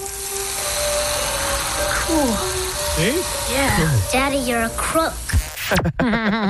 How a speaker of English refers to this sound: Remember the movie Matilda? This two-directional drill. You run it backwards, the numbers go down. Watch your speedometer.